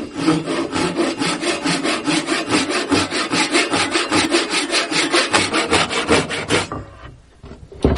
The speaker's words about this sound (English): This is a Japanese pull saw, and it works different from American saws in that you push on those. And this, you're pulling towards you, and there is something spiritual about bringing the work into you.